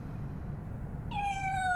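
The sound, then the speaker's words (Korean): A single high-pitched meow from Bongju, a baby kitten peeking out of a room and warily looking around, starts partway through and holds steady to the end, sounding clear over a low, constant background rumble. Nobody speaks. “아기 고양이 봉주가 방에서 빼꼼 얼굴을 내밀고 경계하듯 두리번거린다.”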